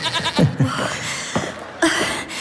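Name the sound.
goat bleating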